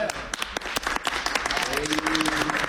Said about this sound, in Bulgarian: Сега, понеже по-слабо ръкопляскате